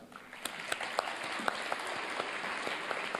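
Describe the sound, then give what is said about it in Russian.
Sharp, irregular hand claps from a small boy ring out one at a time over a steady wash of background noise, with uneven gaps between each clap. “Видите, как он аплодирует?”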